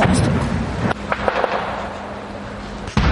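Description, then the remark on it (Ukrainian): A few dull blasts of ammunition that has been detonating for a day thud at irregular intervals over a steady outdoor rumble, with a couple of sharper pops in between, in the village of Myla in Bucha district; no one speaks. “Час від часу тут чути вибухи. Це вже добу детонують боєприпаси.”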